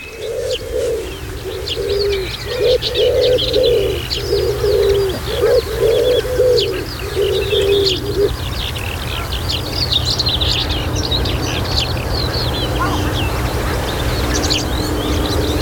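A common redstart in Halland, Sweden, sings short, whirring, trilling strophes over a busy chorus of other birds, while a dove coos steadily in a low, repeated rhythm through the first half.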